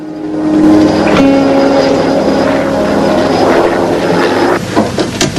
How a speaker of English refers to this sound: The helicopter soars over a picturesque loch, with mountains on one side, towering into the fog and cloud above.